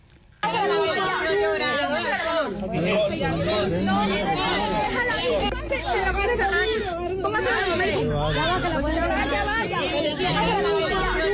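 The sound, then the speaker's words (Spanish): A baby just born in the ruins of a building brought down by an earthquake, one of two of magnitude 7.2 and 7.5, cries with a thin, high wail that rises and falls amid a dense babble of overlapping rescuers' voices, loud and steady throughout. “Eso que escuchan entre las voces de los rescatistas es el llanto de un bebé que acaba de nacer entre las ruinas de uno de los edificios que se ha llevado por delante uno de estos dos terremotos de escala 7,2 y 7,5.”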